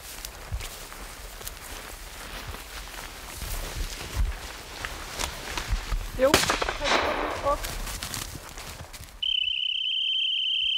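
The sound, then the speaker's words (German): A sharp rifle shot fired into the air cracks outdoors amid rustling, breezy background noise, with smaller popping sounds around it, during a test of a hunting dog's gun steadiness. Near the end, a steady high-pitched whistle sounds and holds, signalling the dog to stop. “Es wird aber nur in die Luft geschossen.”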